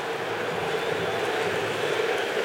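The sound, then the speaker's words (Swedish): A stadium crowd at a Brazil–Morocco football match protests the referee's decision not to give Brazil a free kick, a loud, unbroken wall of roaring and whistling that holds steady for the whole moment with no single voice standing out. “Ni hör vad publiken tyckte, de tyckte att Brasilien skulle haft frispark.”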